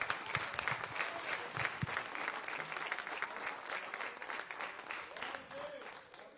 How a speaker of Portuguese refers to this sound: Irmãos, está aqui no altar o nosso pastor, e nós vamos com alegria passar a palavra ao homem de Deus, amém? Glória a Jesus, palmas e glória para Jesus.